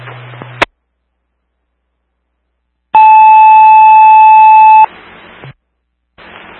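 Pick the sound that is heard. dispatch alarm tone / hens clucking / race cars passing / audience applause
dispatch alarm tone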